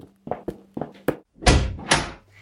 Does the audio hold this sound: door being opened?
yes